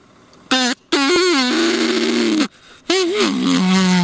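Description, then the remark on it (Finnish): A duck call, bought at a music shop, is blown in three loud, drawn-out blasts, low and buzzing with a wavering, groaning pitch that sounds more like a bull moose calling than a duck. No one talks. “Toi kuulosti nyt kyllä niinku uros hirven kutsuhuudolta, mutta onko se valmis?”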